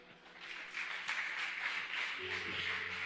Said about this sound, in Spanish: Dale palmas al Señor.